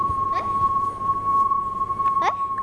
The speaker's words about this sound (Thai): โอเคนะทุกคนสังเกตตอนที่ลำโพงวิ่งเข้าหาเรากับตอนที่ลำโพงวิ่งหนีเราลองสังเกตเสียงว่าต่างกันอย่างไรครับ